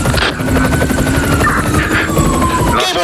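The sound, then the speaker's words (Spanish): A descending helicopter, a news aerial mobile unit, its rotor thumping in a fast, steady rhythm, loud and continuous, with a high engine whine gliding slightly in pitch above the chop. No one speaks. “Volvemos a la unidad móvil aérea que está descendiendo,”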